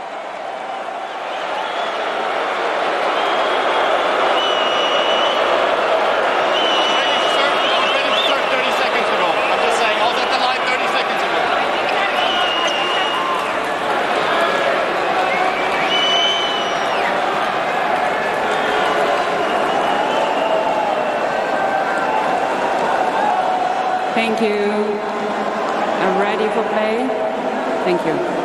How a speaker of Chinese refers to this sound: 这个有的时候要看什么时候开始计时，如果观众一直吵闹，这个也不愿小苏列夫啊，所以小苏列夫刚才也去跟主裁判申诉了一下。